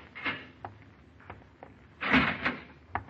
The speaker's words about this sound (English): And the same polite police lieutenant is opening the door to your cell.